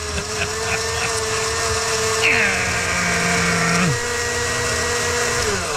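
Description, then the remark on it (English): A blender whirs loudly and steadily as it makes a frozen margarita, its motor pitch dropping and rising as it churns through ice, running continuously for several seconds. “An ad hoc frozen margarita from my buddy John Nitti, who had his blender away”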